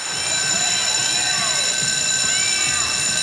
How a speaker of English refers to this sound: As the delivery guy rings the doorbell, an alarm sounds in the basement.